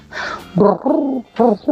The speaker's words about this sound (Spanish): se escucha el arrullo de las tórtolas, un regalo de nuestro maravilloso extranjero, del cual no conocemos su nombre, pero sí el sonido de las tórtolas que trajo.